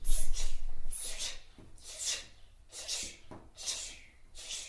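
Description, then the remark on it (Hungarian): During a lip and tongue exercise session, a child imitates a dripping tap with a run of about five short, breathy, hissing bursts, spaced roughly a second apart in a steady rhythm, at moderate loudness. “Csöpögős csap.”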